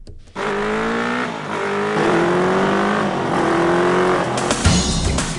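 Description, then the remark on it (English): A motorcycle engine roars, its pitch climbing repeatedly as it accelerates and shifts up through several gears, loud and steady for about five seconds with no voices. “Kiwis, it seems, love their motorbikes. Right now, there are 240,000 road-registered motorcycles in New Zealand.”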